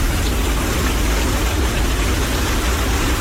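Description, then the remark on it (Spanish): A recording of rain played as a therapeutic sound: steady, dense rainfall with a constant hiss across the whole clip, heavy and unbroken without any pauses. No voices, just a continuous wash of rain noise at an even loudness. “El de la lluvia.”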